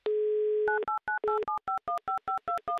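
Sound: telephone dialing tones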